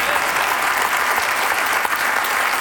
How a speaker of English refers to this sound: We applaud, but in all reality, folks, this is not a dramatic announcement.